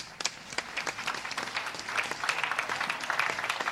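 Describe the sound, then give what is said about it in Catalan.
Sustained applause from a crowd, with many hands clapping in a dense, steady patter that stays strong and swells slightly toward the end, with no voices over it. “Fort aplaudiment.”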